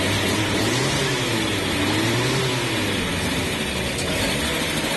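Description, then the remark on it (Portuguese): The engine of a small yellow Chevette car starts and revs at the start of a trip from Natal to Jucurutu, its loud, rough drone rising and falling in pitch without pause for several seconds, with no voices. “Sejam bem-vindos ao nosso chevetinho, o amarelinho cintilante, e agora nos resta é ligar esse motor e começarmos a viagem. Acelera, Ricardo.”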